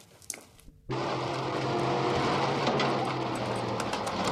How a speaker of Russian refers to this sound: Оля и Антон вместе с Валей, Ларисой и Сережкой едут в автобусе. Антоша сидит у окна и грустно смотрит на улицу.